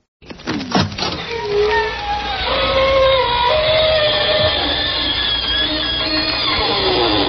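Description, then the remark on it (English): The creaking door of the radio show Inner Sanctum creaks open slowly and at length, its hinges squealing in wavering, sliding high tones after a few sharp opening clicks. It is loud, sustained and heard alone, with no talking. “This is your host to welcome you again through the creaking door into the inner sanctum.”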